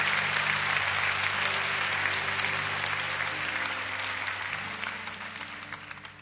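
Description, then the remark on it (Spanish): An audience applauds the Lord steadily for several seconds, a dense wash of clapping with a low sustained tone underneath that gradually fades near the end. “Si quiere aplaudir al Señor, puede hacerlo en esta hora.”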